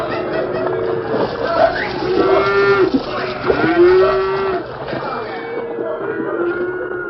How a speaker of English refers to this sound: At the river's narrowest point, a small ford half-hidden by thick underbrush, there was an unmistakable sound, the confused plunging and splashing of cattle on the move.